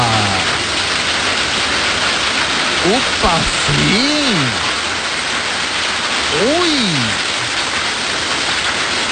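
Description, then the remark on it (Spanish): Hail pours down during a storm in a loud, steady, dense hiss of countless pattering impacts filling the whole scene, with a few brief excited exclamations from a voice over it. “Vamos a ver, ah, sí está cayendo granizo. En serio, hermana, cayó con granizo ahí.”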